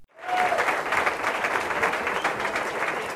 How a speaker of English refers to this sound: Sound like a happy and well-satisfied crowd, and why not?